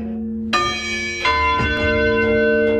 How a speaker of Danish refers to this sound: Kirkeklokkerne i Dyrup Kirke begyndte klokken 01 cirka at ringe. Og det i sig selv er jo lidt atypisk. Problemet her er, de stoppede ikke. De blev ved og ved og ved.